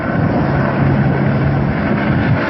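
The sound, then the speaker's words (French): Steady, loud droning roar of a water-bombing aircraft flying overhead during a wildfire near Tarado, part of an air fleet of 5 Canadairs, 2 Dash and 4 water-bombing helicopters; a continuous engine rumble with a low humming tone throughout and no voices. “Tout l'après-midi, un balai aérien composé de 5 canadaires, 2 Dash et 4 hélicoptères bombardiers d'eau.”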